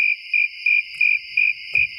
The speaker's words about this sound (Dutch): Alleen maar krekels.